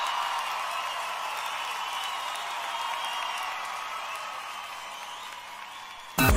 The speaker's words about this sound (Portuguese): Quem gosta desses homens, levante as suas mãos e batam palmas.